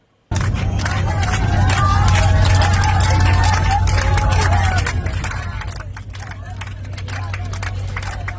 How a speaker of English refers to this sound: And so you can hear the applause breaking out as that plane ultimately landed safely in Saudi Arabia.